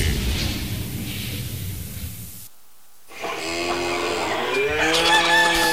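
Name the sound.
rooster crowing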